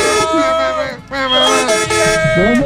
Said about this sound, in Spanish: ¡Suélteme ese claxon!